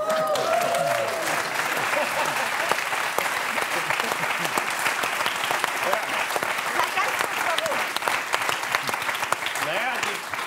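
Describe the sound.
An audience claps steadily but restrainedly throughout, a dense patter of hands at moderate volume, with some murmuring voices underneath, in reaction to a Polish mayonnaise being presented.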